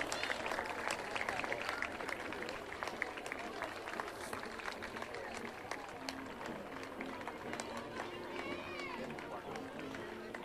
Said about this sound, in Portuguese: Sem medo, batam palmas sem medo, parece que estão assim uns encolhidos, outros meio espichados, já não estão a perceber.